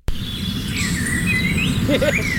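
Bubbly, warbling bird song of bobolinks rings out in an open field, several high sliding notes tumbling over one another above a steady low outdoor rumble.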